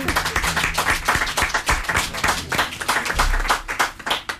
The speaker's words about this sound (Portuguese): Entretanto, e um aplauso, claro.